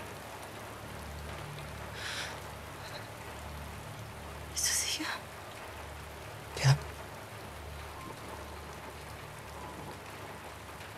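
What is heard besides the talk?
rain falling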